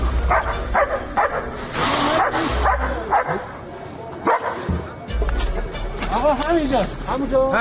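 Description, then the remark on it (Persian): A dog barks in repeated loud bursts mixed with high yips and whines, while people's voices and a low rumbling background carry on underneath throughout. The dog is Leo, a German-French crossbreed search-and-rescue dog of the Red Crescent Society in Iran. “لئو سگ زنده یاب جمعیت هلال احمر که در طی حملات نظامی آمریکا و اسرائیل به ایران بدون وقفه به عملیات جستجو و نجات پرداخت و نقش مهمی در پیدا کردن پیکرها و نجات افراد زنده از زیر آوار جنگ داشت.”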